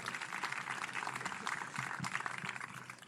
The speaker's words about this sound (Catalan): Aquest aplaudiment és per tots ells.